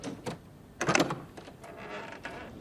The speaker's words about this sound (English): He lifts the latch and stares at the doorknob. He twists the knob, pushing open the door.